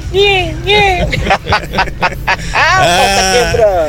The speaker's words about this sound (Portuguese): Dá pra escutar os gatinhos miando.